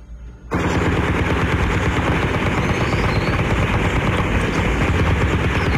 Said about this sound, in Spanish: se registran desde esta mañana muy cerca del corregimiento de Tenerife, que está ubicado en una zona montañosa entre los municipios de Palmira y el Cerrito, Valle del Cauca. Campesinos de la zona reportan disparos y explosiones desde muy temprano.